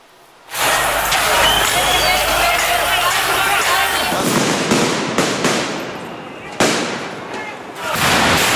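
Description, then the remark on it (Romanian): Firecrackers bang repeatedly amid a dense roar of crowd noise during violent nighttime street clashes in Belgrade, as groups of young people throw firecrackers, stones, bottles and smoke bombs toward gendarmes; sharp loud blasts go off in irregular bursts over a continuous chaotic din. “După manifestarea în general pașnică la lăsarea serii, grupuri de tineri au incendiat tomberoane și au început să arunce cu pietre, sticle, petarde și fumigene în direcția jandarmilor.”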